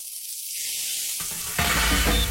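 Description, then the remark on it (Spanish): Meat sizzling on a grill over a fire, a steady hissing crackle that swells louder partway through, with no voices. “Fuego, parrilla y amigos.”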